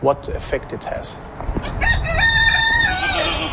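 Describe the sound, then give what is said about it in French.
A rooster crows once in a long, drawn-out cock-a-doodle-doo, loud, in a garden with a few sheep and a 3M factory on the horizon, over a low outdoor rumble after some brief indistinct sounds at the start. “Dans son jardin, un coq, quelques moutons, mais avec l'usine 3M à l'horizon”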